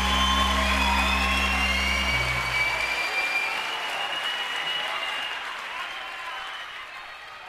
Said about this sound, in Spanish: Fuerte aplauso para Eva.